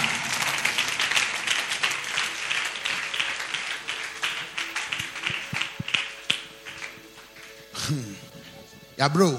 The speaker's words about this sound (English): Clap for yourself. Clap for yourself. Oh, clap better. Clap better. Clap better.